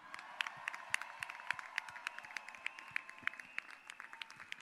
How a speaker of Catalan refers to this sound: crec que es mereixen un fort aplaudiment. Vinga!